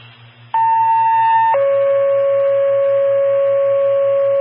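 Two loud, sustained electronic tones play back to back: a higher pitch for about a second, then a lower one held steadily, a radio dispatch paging alert for Porter GMS, over a faint hum.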